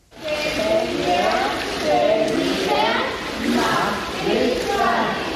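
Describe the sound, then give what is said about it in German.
Steady splashing and sloshing water in an echoing swimming pool during a children's swimming course, where ten children and four swimming instructors stand in the water holding hands and slowly turn in a circle; children's voices chatter and call over it throughout, fairly loud. “Zehn Kinder und 4 Schwimmlehrerinnen und Lehrer stehen im Wasser, halten sich an den Händen und drehen sich gemeinsam langsam im Kreis.”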